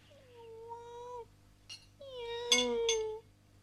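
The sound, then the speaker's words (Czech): A hungry cat named Radva meows twice: a long, steady first cry, then a brief pause and a louder second meow with a couple of short scratchy noises mixed in. “Kočka je hladová, protože jí nikdo nic nedá, kromě mne.”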